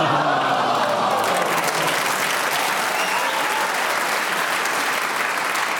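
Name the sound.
audience applause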